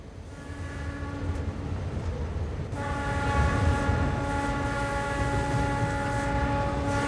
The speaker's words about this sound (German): Unüberhörbar verlangt der Zug in der verkehrsreichen Großstadt sein Recht. Mit 40 Kilometern geht es durch die Athener Vorstadt.